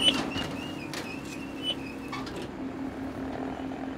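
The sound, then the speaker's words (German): A high electronic warning beep from a straw baler sounds in several short pulses over a steady low machine drone, with a few clanks and clicks mixed in; the beep signals that the net-wrapped bale is out of the press. “Jetzt piept er nochmal, jetzt weiß ich, dass er beim raus ist aus der Presse.”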